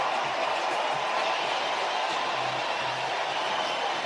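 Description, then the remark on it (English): A stadium crowd roars after Matt Shaw's three-run home run to left field puts the Cubs ahead 3-0, a dense, steady wall of cheering that holds at full volume for about four seconds with no individual voices standing out. “Listen to this crowd.”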